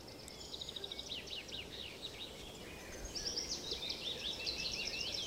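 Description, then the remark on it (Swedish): Several birds of various species sing and chirp together outdoors in Lunden nature reserve, Hultsfred Municipality, with bright, overlapping trills and twittering phrases over a steady background hush, no talking. “kan bena ut vad det är för olika fåglar som låter”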